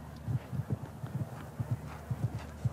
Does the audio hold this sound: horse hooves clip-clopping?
yes